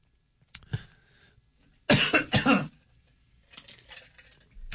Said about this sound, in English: Clear your throat.